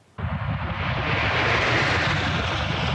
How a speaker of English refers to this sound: That familiar roar of a flyover in formation will soon be coming to an end as Canada's Snowbirds prepare for what will now be their summer swan song, at least for now.